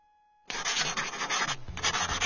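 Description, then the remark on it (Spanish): Steady scratching of a pen or pencil on paper as a student finishes writing a draft, running continuously for about two seconds with one brief pause, no voices. “Listo, terminé el borrador.”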